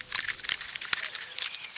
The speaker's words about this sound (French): L'écureuil mord dans une pomme de pin.